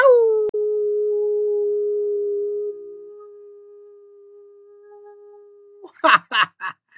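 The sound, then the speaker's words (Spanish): A radio announcer gives a long, steady howl as a greeting to fellow announcers, holding one pitch for nearly six seconds before ending in a few quick, breathy bursts like laughter. “Sí, además quiero enviarles a todos mis queridos compañeros locutores y agradeciendo su apoyo, un aullido.”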